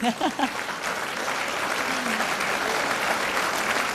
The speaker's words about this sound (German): Von dort bin ich sehr dankbar, dass ich mit diesen zwei jüngeren Herren da Musik mache. Der Erste, dann geben wir gerne einen Applaus, bitte.